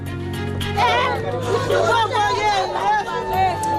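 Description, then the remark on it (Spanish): Residents of Kenkov, east of Port-au-Prince, Haiti, cry and wail together in desperation after an early-morning armed gang attack that left at least twenty victims, their pitches rising and falling in overlapping, sustained cries above a steady low hum, loud throughout with no pause. “Son los gritos de desesperación de los vecinos de Kenkov, al este de Puerto Príncipe, tras un nuevo ataque de bandas armadas que ha dejado al menos una veintena de víctimas esta madrugada, aunque las autoridades creen que podría haber más víctimas.”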